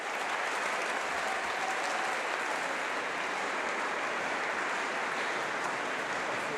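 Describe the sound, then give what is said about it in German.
A large audience gives a minutes-long standing ovation, clapping steadily and loudly in a dense, continuous roar of applause that holds at full strength throughout, with no voices standing out. “im Publikum, das ihn minutenlang mit stehenden Ovationen feiert.”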